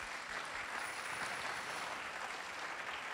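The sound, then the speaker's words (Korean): An audience applauds steadily from start to finish for the team Isai after their stage performance at the 21st Century Korean Music Project, a new gugak composition contest at the National Gugak Center's Yeakdang hall: a dense, even wash of clapping hands with no voices and no break in the sound. “정말 많이 긴장했을 텐데 다시 한번 좋은 무대 보여준 우리 네. 이사이 팀에게 큰 박수 부탁드립니다.”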